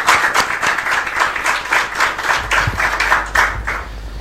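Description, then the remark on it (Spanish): A church audience applauds steadily to the Lord for first-time visitors, many hands clapping together in a dense, fairly loud wash of claps with a loose pulsing rhythm, sustained for a few seconds without voices. “Damos un aplauso al Señor por la vida de ellos que están con nosotros.”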